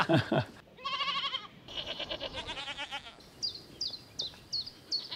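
Goats bleat on a farm: two long, quavering bleats in a row, then a run of short, high-pitched calls repeating at a steady pace, with no talking.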